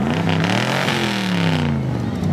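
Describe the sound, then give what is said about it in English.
The engine of a 1981 DeLorean car revs loudly at a car cruise event in Redhill. Its pitch sweeps up and down over a couple of seconds with a rumbling low end, heard alone without talk. “Yeah, it's a 1981 DeLorean.”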